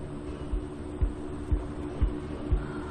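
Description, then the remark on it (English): A car pulls slowly into a truck stop just north of a motel. Its engine drones low and steady, with soft, regular thumps roughly twice a second as it rolls along. No one speaks. “We're pulling into the truck stop just north of the motel in a moment.”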